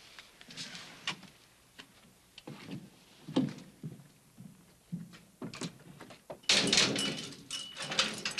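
A door being handled: a series of sharp clicks and knocks from a latch and frame, then a louder rattling swing near the end, with no talking.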